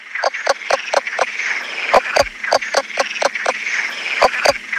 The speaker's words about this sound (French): Alors, c'est vrai qu'un crapaud léopard qui chante comme une poule, c'est déjà original. Mais c'est pas fini. C'est un des seuls amphibiens, enfin, en tout cas de France méditerranéenne, qui chante sous l'eau.